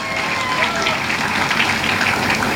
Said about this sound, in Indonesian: Berikan tepuk tangannya.